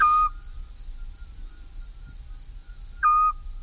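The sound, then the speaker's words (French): Two short, clear whistled owl notes about three seconds apart, the repeated call of a Eurasian scops owl, over a steady chirping of crickets in the night background. “C'est un petit hibou pratiquement exclusivement insectivore, ce qui explique qu'il ne soit présent qu'en été.”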